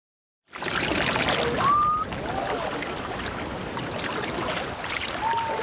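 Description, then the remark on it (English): A haenyo, one of Korea's women divers, breaking the surface after a dive with her whistling breath, called sumbisori, a forceful exhale: short, piercing, steady-pitched whistles, one early and another near the end, ringing out over a constant loud wash of waves and water. “Beyond the horizon, a piercing whistle cuts through the cold silence. It is the sound of a haenyo, Korea's legendary women divers, breaking the surface after a dive.”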